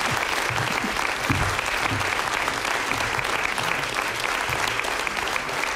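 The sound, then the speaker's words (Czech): Sustained audience applause for actress Olga Ringelová coming onto the stage fills the whole stretch, a dense, steady wash of many hands clapping at a constant loudness, with no speech rising above it. “my vám teď moc zatleskáme, protože jsem rád, že Olga Ringelová přišla na jeviště.”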